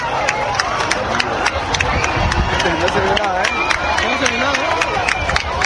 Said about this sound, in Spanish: A las 8:32, tras el fin de la fase total, regresaron los aplausos y los vítores. ¡Guajalá!